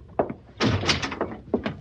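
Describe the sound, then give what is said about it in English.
A door is handled: a short knock-like thump, then a longer scraping, rattling swing and a couple of firm closing clunks, all without any voices. “Now you, head for that door.”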